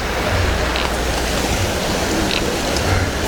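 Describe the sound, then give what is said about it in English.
A river rushes by, producing a loud, steady wash of flowing water that continues unbroken throughout, with no voices heard. “Guys, look at how close these houses are to this river.”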